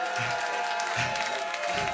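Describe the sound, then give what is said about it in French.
A crowd claps steadily and loudly for a singer after a song, a dense wash of applause that holds an even level throughout, with a few low murmurs of voices rising underneath. “Et vous pouvez applaudir très très fort”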